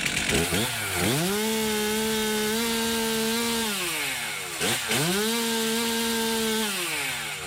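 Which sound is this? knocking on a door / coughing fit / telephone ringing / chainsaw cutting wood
chainsaw cutting wood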